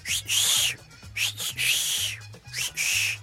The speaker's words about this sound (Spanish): un mexicano nunca, nunca se saluda con un chiflido.